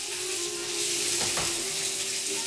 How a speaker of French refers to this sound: Après avoir terminé son whisky, Al décide de se faire couler un petit bain.